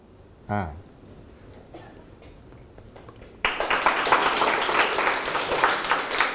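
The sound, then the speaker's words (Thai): A crowd breaks into applause partway through, dense, steady clapping that starts abruptly and carries on loudly to the end, after a quieter stretch with a brief voice-like sweep near the start; applause after a teacher reads a story to students. “ขอบคุณครับขอบคุณเสียงปรบมือจากต้นทางและปลายทางนะครับ”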